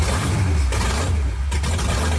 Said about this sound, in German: Es ist eine Wahnsinnsstimmung. Das webt im ganzen Oberkörper, wenn dann da die Motoren aufbrummen. Wahnsinnsgefühl.